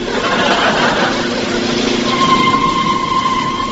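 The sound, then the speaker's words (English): A car engine runs steadily and loudly, its low rumble continuous throughout, with a rising whine and a higher steady tone emerging partway through, as the car comes to a level crossing with closed gates. “stop the car”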